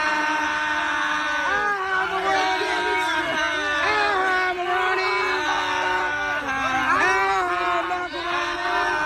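A crowd of people shouts and shrieks together during the long outro of a song, many overlapping voices rising and falling in pitch, loud and sustained for the whole stretch with no pause.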